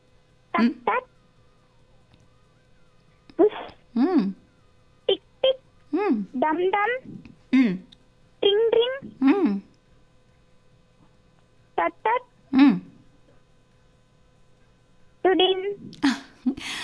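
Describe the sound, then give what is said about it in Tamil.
A child's voice mimics the alert a mobile phone makes when a text message arrives, making clusters of short, bright, tonal chirps separated by brief pauses, fairly loud. “இப்போ நீங்கள் உங்கள் கையில் வந்து கைபேசி வச்சுருப்பீங்கல்ல, மொபைல் வச்சுருக்கீங்கல்ல, அதில் வந்து சில நேரம் இந்த குறுஞ்செய்திகள் வரும், மெசேஜ் வரும், அப்போ ஒரு சவுண்டு கேட்கும்.”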